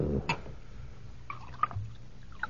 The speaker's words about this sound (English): Now, you drink, huh? Of course. Will you pour for me?